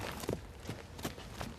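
The hooves of a donkey named Heizi clop on a hard floor inside a room where people are to live, about four steady, evenly spaced steps, with no one speaking.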